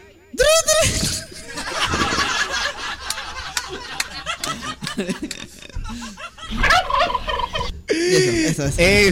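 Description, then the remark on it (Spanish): A person gobbles like a turkey in loud, rapid warbling bursts, with other voices laughing and chattering in between. “Demuéstrale que no tiene moquillo el pavo, a ver.”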